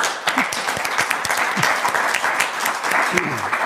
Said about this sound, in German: Erstmal Ihr Applaus.